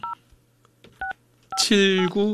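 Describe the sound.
Three short, crisp telephone keypad dialing tones, placing a call to a listener, beep at uneven intervals, followed right away by a voice starting to speak loudly.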